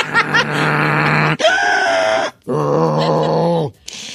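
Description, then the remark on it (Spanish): A voice imitates loud, pig-like snoring, with three long, rough, snorting grunts separated by brief pauses, with no talking. “¿Usted hace ruido cuando duerme? Sí, como puerquito, no, porque usa la máquina, pero así como puerquito, sin más.”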